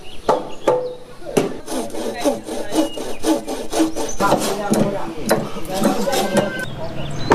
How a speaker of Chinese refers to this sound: 房屋的组装要一直持续到天明。村民们在房架上反复敲打每一个连接的环节，确保咬合紧密，没有偏差。